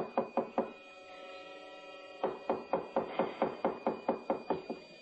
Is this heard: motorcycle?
no